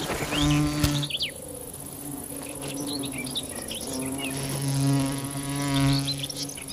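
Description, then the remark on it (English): A bee wolf, a digger wasp that specializes in killing bees, buzzes in a low droning hum that swells and fades in a few passes, with faint high chirps scattered in the background. “The bee wolf is a digger wasp that specializes in killing bees.”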